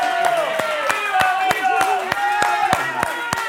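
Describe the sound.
Audience clapping in a steady, rhythmic beat, the claps sharp and fairly loud, running through the whole stretch over sustained tonal sounds like music or voices.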